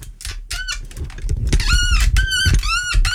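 A microphone stand squeaks and creaks repeatedly, several drawn-out, whining squeals close to the mic in an irregular rhythm, with some low rumbling handling noise underneath.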